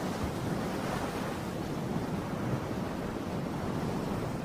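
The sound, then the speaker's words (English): A steady, full-bodied wash of ocean surf rolls on without pause, waves breaking continuously with a hint of wind. No voices, just the even, unbroken roar of the sea. “The rest of the time, they can appreciate the peace and calm, looking out over the vast blue ocean where whales sometimes break the surface of the waves.”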